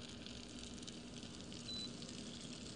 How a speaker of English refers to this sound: So I'm taking this and I'm just pouring it over the feta.